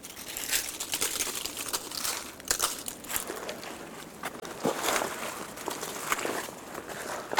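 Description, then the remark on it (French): Footsteps crunch steadily through a carpet of dry leaves on a sunlit path where the snow has melted, each step a crisp rustling crackle, keeping an even walking rhythm with no voices. “Et vous retrouvez le tapis de feuilles.”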